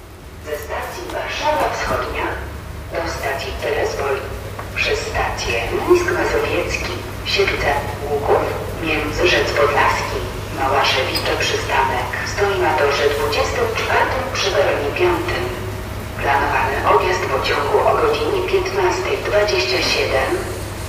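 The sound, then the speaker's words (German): Trash bins being emptied on the other track's platform at Berlin-Lichtenberg train station: irregular rattling and clanking bursts come and go over a steady low station hum, with voices murmuring in the background. “Auf dem anderen Gleis werden gerade die Mülleimer leer gemacht.”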